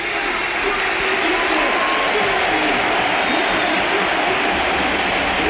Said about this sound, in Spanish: Se marcha efectivamente Martín Zubimendi. titular con la selección casi un año después y va a entrar el Balón de Oro del Mundial. Otro de los candidatos al Balón de Oro esta temporada, Rodri. Ovación para los dos.